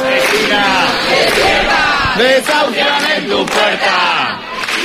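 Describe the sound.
A large anti-eviction protest crowd chants loudly in unison, live, at the door of an apartment building in central Madrid where an 87-year-old woman is being evicted that morning; many overlapping voices shout rhythmic slogans in a dense, steady roar for the whole stretch.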